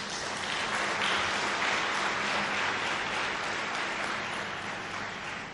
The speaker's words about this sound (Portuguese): Por isso, peço uma grande salva de palmas.